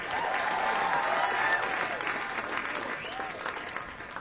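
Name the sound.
audience applause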